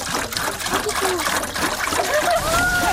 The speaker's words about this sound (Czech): Tak, doplníme vodu do konve.